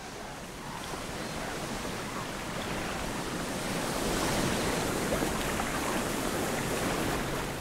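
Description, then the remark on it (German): Waves wash against the Baltic Sea shore, along a coast of large stone fields and boulders, while wind blows, making a steady, full rushing roar that swells slightly midway and carries on without pause. No voices are present. “Die großen Findlinge bieten Schutz vor Wellen und Wind.”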